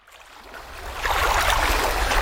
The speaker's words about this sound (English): Just let the waves lap next to you. Oh, isn't this lovely?